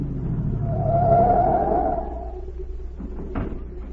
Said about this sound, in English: A minute later, a car pulled up at the watchman's gate, and Agent Z stepped out.